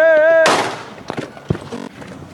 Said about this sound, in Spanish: Y así llegó, un solo disparo a un, ¿qué será?, un metro de distancia. Le pegan, pues, en la parte trasera de la cabeza.